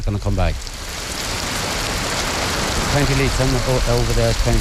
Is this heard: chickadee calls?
no